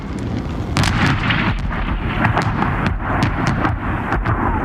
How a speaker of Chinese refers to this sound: 巨响过后，刘振宝连同他苦心经营多年的小店一并化作灰烬。这一天，日军飞机在锦州城投下了75枚炸弹。